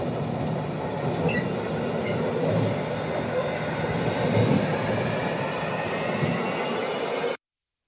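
A freight train, with a person riding on it, rolls steadily along the rails leaving Berlin with a dense, continuous low rumble, faint metallic squeals and clatter riding on top, before cutting off abruptly.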